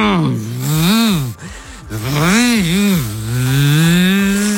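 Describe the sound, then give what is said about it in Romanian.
A child's voice imitates a revving motorcycle with a buzzing, lip-trilled engine sound that rises and falls in pitch through several revs, breaking once briefly for a breath before roaring on steadily. “Ca o motocicletă, ia. Să te aud.”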